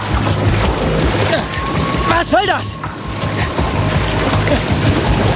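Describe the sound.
Steady, loud churning water splashes and bubbles throughout around someone who fell from a boat dock into the water, with a brief exclaimed voice cutting in partway through over the continuous wash.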